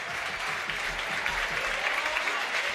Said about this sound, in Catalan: Anem a veure com rap l'afició Florin Andone. Doble canvi. Se'n va també Raúl Caballero. Aplaudiments per Florin Andone.